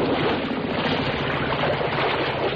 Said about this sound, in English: I'll idle the motor while you jump off.